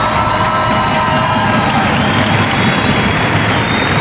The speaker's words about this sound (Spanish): Thank you, Jesus, for Mexican grandmothers. Thank you. Un aplauso por todas nuestras abuelas.